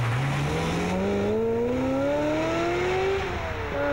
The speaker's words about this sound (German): Und dann kam mein Auto und hat ihn umgefahren. Und das Auto ist einfach weitergefahren.